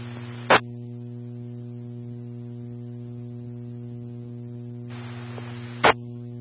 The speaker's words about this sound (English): Hey, first unit, stand by for test code. EMS 2 test tones, EMS 2 test tones only. Does that come through okay?